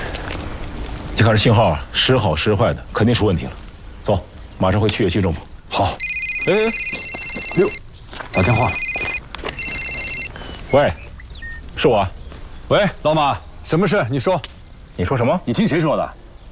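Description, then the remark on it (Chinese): A phone rings with bright electronic tones in three short bursts as a friend calls, while people talk before, between and after the rings. “六，打电话了。”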